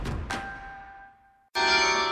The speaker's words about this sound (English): This summer, experience the sound of bells across the city. Yorkminster Park Baptist Church presents its free Summer Carillon Recital Series. Bring a lawn chair or a blanket and enjoy the beautiful live music from their historic carillon